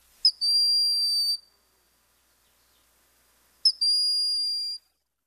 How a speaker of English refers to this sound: If you can't make it to Hawk Mountain, check out the woods here in the summertime for this quiet and gentle hawk with the plaintive whistling call. A raptor still, for all that.